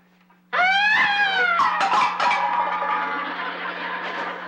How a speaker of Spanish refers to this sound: Pues es que es la sirena de la ambulancia.